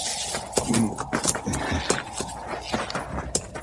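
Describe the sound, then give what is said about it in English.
A horse shifts and steps, hooves clopping in an uneven rhythm, with a short snort and breathy huffs mixed in against a faint background. “Horse smells them. Now, we better tie the critters up.”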